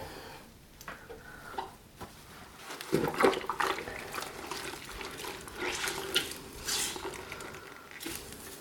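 Wet, sloshing scrubbing as a first layer of water with detergent is spread in small circles across the whole window pane, with a steady swish of continuous circular wiping that swells louder midway and carries on without talking.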